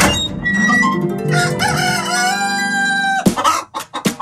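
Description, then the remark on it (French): A rooster at the Poulailler des Pictaves henhouse crows loudly in one long, drawn-out call, then several chickens cluck in quick, choppy bursts as it ends. “Ah, il va aller voir les poules. Le poulailler des Pictaves?”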